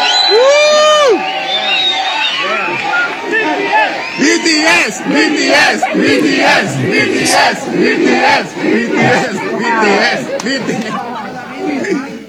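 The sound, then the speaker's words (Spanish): A large crowd of Mexican football fans shouts and chants together at young Korean tourists passing by, a loud, dense wall of overlapping voices with rising whoops and yells sustained throughout. “El caso es que iban pasando unos jóvenes coreanos, X güeyes que venían de turistas y que estaban, supongo, el jueves en el partido, cuando los mexicanos les gritan esto.”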